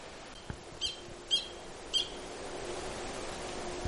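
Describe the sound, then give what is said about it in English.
A frog calls with three short, high-pitched chirps spaced about half a second apart, clear over a faint steady hiss, preceded by a single soft click. “That actually is the sound of a frog.”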